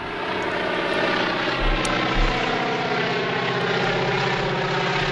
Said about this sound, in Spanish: Como puedes escuchar, escuchamos un avión. Es un avión. De motores, un avión antiguo. Sí, sí, sí. Que va volando.